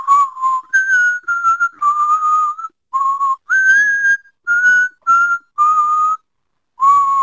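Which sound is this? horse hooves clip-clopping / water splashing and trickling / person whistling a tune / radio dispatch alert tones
person whistling a tune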